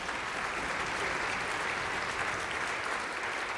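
Steady, dense audience applause fills the whole few seconds, a continuous wash of many hands clapping at an even loudness with no voices over it.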